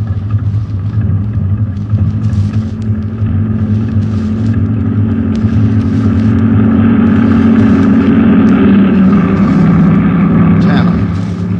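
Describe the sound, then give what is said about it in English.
A heavy truck engine rumbles loudly, its deep drone steady before the pitch shifts upward as it rolls past, one of a line of numbered trucks. “Out behind the next truck, Sergeant.”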